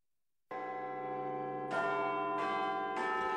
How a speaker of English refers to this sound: The sounds there of Big Ben, and of course the bells have tolled for Sir Keir Starmer, who has resigned as the Prime Minister of this country.